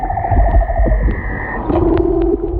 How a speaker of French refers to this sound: Alors ça, c'est l'exemple du chant d'un léopard de mer. Chez cette espèce de phoque, chaque individu utilise les 5 mêmes notes, mais les agence de façon unique pour composer une mélodie qui lui est propre.